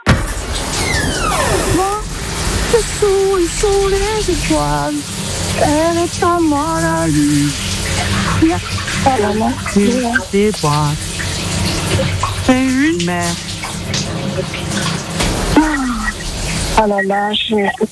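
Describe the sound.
A shower runs steadily with a constant hiss of spraying water while a male singer sings loudly and freely over it, his voice echoing.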